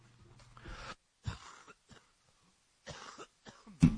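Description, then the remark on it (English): Several harsh coughs in irregular bursts, with a throat-clearing rasp and sharp intakes of breath between them, ending on a loud final cough. No talking. “Cough break there, guys. Sorry about that.”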